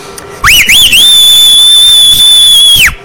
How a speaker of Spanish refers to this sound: mándele un chiflido